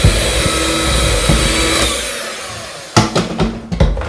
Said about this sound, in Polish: Teraz dodaję drugą, trzecią część mąki wymieszanej z proszkiem. I to samo, rozpoczynam miksowanie na wolnych obrotach. Po to, aby po chwili je zwiększyć.